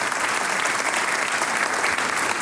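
Steady, dense audience applause, many hands clapping together in a continuous, even wash of sound at a fairly loud level throughout, with no voices standing out.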